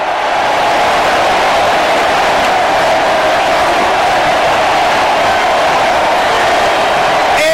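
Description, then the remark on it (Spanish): A huge stadium crowd at a World Cup football match applauds and cheers as Leo Messi leaves the pitch, in a deafening, unbroken roar that holds steady for the whole stretch, a dense wash of clapping and shouting with no single voice standing out. “Hay que callarnos para escuchar porque Leo Messi va a salir del campo y también nosotros vamos a aplaudir.”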